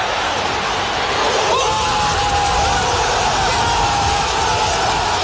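A huge stadium crowd roars continuously as Marseille football supporters in the kop cheer a goal by Kamel Meriem, a dense wall of shouting and whooping with a loud whistle-like tone rising above the din partway through.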